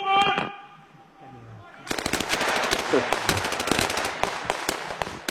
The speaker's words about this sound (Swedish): Halt! Halt! Halt! Skott!